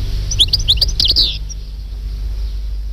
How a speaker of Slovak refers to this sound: Stehlík, náš operený krásavec.